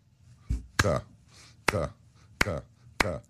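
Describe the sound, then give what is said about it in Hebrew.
Four sharp, loud hand claps in a steady, slightly uneven rhythm, about one every three-quarters of a second, each followed by a short burst of voice, demonstrating how a concert audience in Hungary clapped together after a Mahler's Fifth performance. “הקהל מחה כפיים בהתלהבות, ופתאום הפסיקו למחוא כפיים ביחד, פתאום היה שקט, כאילו איזה יד מנצחת אליהם, ואז הם מתחילים למחוא כפיים ככה.”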